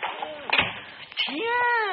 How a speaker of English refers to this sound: shut the door quick.